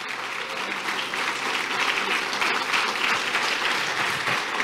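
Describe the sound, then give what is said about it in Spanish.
An audience applauds steadily throughout at the speaker's call, affirming their belief that God will keep sustaining them, a dense, sustained wash of many hands clapping at once at an even loudness, with no talking over it. “¿Cuántos den un aplauso así?”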